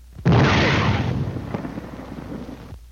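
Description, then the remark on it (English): An artillery shell shrieks overhead as heard by a soldier under fire, a loud, rushing, hissing whine that bursts in suddenly, then slowly fades over about two and a half seconds before cutting off abruptly. No voices. “First, the shriek of the shell as it passes overhead.”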